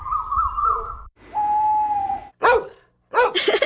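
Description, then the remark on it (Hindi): A person's voice imitates a koel, an owl and a dog: a wavering call, then a long steady hoot, followed by two short, loud imitated dog barks with pauses between them. “मैं कोयल, उल्लू और कुत्ते की आवाज निकाल सकती हूँ। ये सुनो।”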